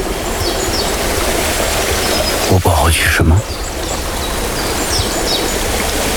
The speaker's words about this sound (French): petite cascade.